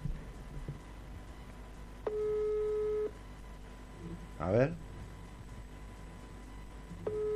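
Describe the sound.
An outgoing call's ringing tone sounds in clear one-second bursts with long pauses between, steady and moderately loud, while a man briefly mutters in the gap.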